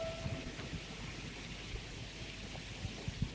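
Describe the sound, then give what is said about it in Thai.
Steady rain falls on a cool day, hissing evenly throughout, with a low rumbling undertone and a few soft thumps scattered here and there; no one speaks. “วันนี้ฝนตกพอดีเลยเย็นทำสมาธิเลย”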